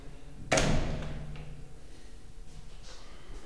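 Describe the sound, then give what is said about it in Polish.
A bathroom door shuts with a single solid thud, followed by a short echoing decay in the reverberant bathroom, then quiet. “I tutaj akustyka się zmieniła, drzwi zamknę.”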